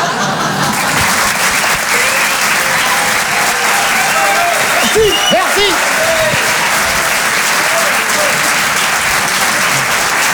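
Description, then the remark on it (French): Loud, sustained audience applause for a comedy act on the Comedy Club show fills the whole stretch, a dense steady roar of clapping with scattered voices and a few whoops rising through it midway. “On peut les applaudir très fort, les grandeurs nature.”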